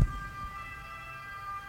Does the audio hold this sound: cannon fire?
no